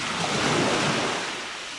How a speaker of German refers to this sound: Und so ganz viel Wasser, das Meer.